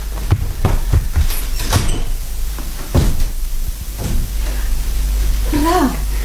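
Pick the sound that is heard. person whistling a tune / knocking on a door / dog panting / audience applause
knocking on a door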